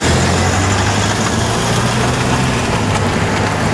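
A rental van engine idles steadily at a car company in Terneuzen, a constant low rumble with a faint rattle and no voices, holding an even loudness throughout.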